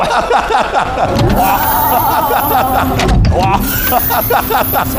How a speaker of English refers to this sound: Oh wow! This is a nice gimmick with, you know, the, I don't know how to call it, the flying doors opening, which was nice.